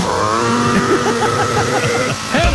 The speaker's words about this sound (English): Leaf blowers at 7:01 a.m. Well, shouldn't happen. Why is it you can never hear a leaf blower at 11:20 a.m? 7:01.